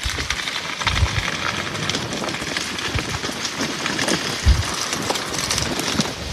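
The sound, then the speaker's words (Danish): Dense, continuous crackling of a burning forest floor in a region south of Paris, France, countless small pops and snaps over a steady hiss, with a few louder low thumps; no voices. “Nej, det er skovbunden i en region syd for Paris, hvor”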